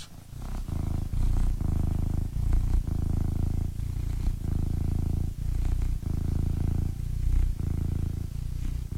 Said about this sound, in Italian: Un attimo solo, perché voglio far sentire il mio gatto come fa le fusa. Sentite un attimo, un attimo solo, eh.